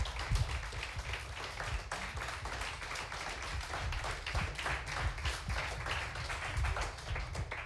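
An audience applauds steadily as the finalists are called back to the front after a final, a dense wash of many hands clapping at once that holds an even, moderate loudness throughout, with no voices over it.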